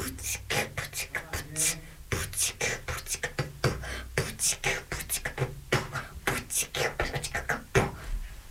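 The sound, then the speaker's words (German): A child beatboxes, producing a steady, rhythmic stream of breathy snare-like bursts, clicks and low thumps for several seconds, with no words spoken. “Mit meiner Stimme kann ich Beatboxen.”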